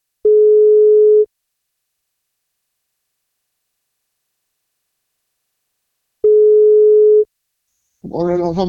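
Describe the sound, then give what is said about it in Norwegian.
Two steady, loud ringback tones about a second long, separated by a long silent gap, then a voice begins speaking at the end as the call is answered. “Så da prøver vi å ringe”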